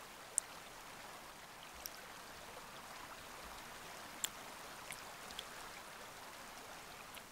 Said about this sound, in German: Viele Bäche und Rinnsale durchziehen die Insel Florisch im Westen der Azoren.